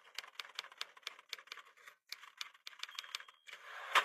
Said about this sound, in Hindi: इमारत में सादत हसन मंटो का अपना एक अलग दफ्तर हुआ करता था, जहां वो खुद अपना अफसाना खट खट खट कमाल चाबुक दस्ती से उर्दू के टाइपराइटर पर लिखा करते थे।